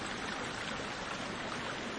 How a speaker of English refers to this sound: rushing rivers can be so noisy they drown out bird calls.